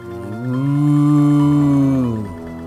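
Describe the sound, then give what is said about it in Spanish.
A cow moos once in the distance on a full-moon night, a long, drawn-out low call that swells, holds steady for about two seconds, then trails off, with no talking over it. “otra vez ese vaca”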